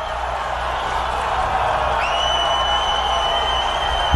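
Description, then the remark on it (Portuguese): A crowd of Brazilian fans cheers as Neymar is called up to the squad, a dense, steady roar that stays loud throughout, and a high, sustained tone joins in about halfway and holds to the end. “Pra delírio da torcida brasileira.”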